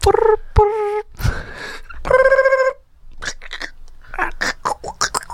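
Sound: telephone call ringing tone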